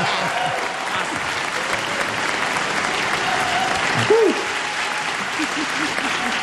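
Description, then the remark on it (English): A crowd applauds steadily, a dense wash of clapping filling the whole stretch, with a brief whoop or cheer rising above it near the end and faint voices mixed in. “That one you're allowed to clap for, okay?”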